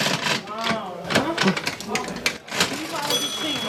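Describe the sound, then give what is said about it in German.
An old mechanical cash register, next to an old scale at the Hofladen Brill farm shop, is worked, its keys and drawer giving off a run of sharp clacks and metallic clicks while people talk over it. “Neben der alten Waage auch die alte Registierkasse. Kannst du die immer bedienen für mich?”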